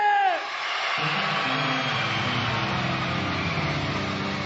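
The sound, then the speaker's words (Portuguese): A group of boys shouts "é!" together in one loud, sustained cry that carries for about four seconds, many voices blending into a dense roar. “Os meninos gritam é!”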